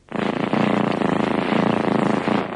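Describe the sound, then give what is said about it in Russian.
A cat purrs loudly and steadily, a continuous rumbling drone with a fine pulsing texture, heard on its own without any talking. “Если хочешь знать, многие коты мурлыкают в трех тональностях.”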